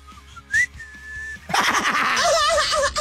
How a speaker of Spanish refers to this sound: Dale, no me sale el silbidito ese, ¿eh?